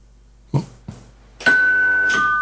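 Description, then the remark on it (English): Two short thuds, then a doorbell rings out loud, its bright chime sustaining and a second tone joining before it fades. No one speaks. “Oh, you see, there's the bell, the doorbell going, you see.”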